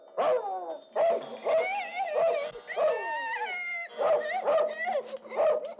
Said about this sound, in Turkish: Evde hırsız var galiba. Tabii hırsız gelmiş ki köpek havlayı.